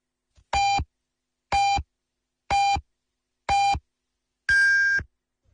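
Radio hourly time signal marking 20:00 Beijing time on Yanbian Radio and Television's Chinese-language news comprehensive broadcast: four short, evenly spaced beeps about a second apart, then a fifth longer, higher-pitched beep marking the hour, loud and clear with no talking.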